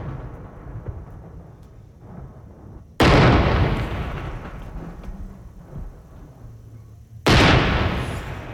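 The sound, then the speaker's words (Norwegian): Cannon salute shots fired from Vågen in Bergen, part of a 21-shot salute: two heavy booming blasts about four seconds apart, each a sudden loud crack that rolls off into a long rumbling decay over a low background murmur. “Og hvis man var I Bergensområdet I dag, så kunne man også høre saluta fra Vågen. Det var 21 avfyringer.”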